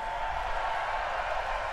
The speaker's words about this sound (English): Thanks, everybody. Let's have a big round of applause for all the people that help us do this also.